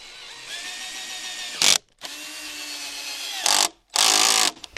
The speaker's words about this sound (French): Après le perçage, et c'est la magie de la radio, on claque des doigts, et c'est le vissage.